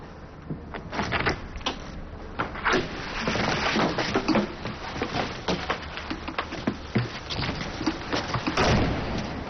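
A door is handled close by, with steady rattling, knocking and clattering throughout, ending in a fuller thud as it swings shut. No one speaks.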